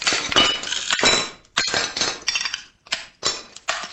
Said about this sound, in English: When he's not shattering old china